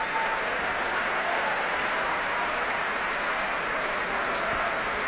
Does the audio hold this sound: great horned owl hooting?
no